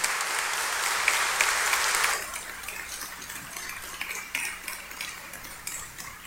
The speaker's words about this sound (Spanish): Por eso, a él que es peregrino de fe, de esperanza y de caridad, y que acompaña a los frailes y con los frailes les acompaña a ustedes, yo les invito a que le demos un fuerte aplauso de bienvenida a esta tierra que quiere a nuestra orden.